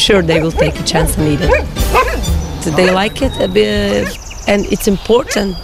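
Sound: dogs barking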